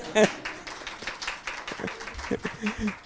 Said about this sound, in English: You can clap.